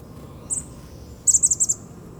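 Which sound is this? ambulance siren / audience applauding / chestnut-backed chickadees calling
chestnut-backed chickadees calling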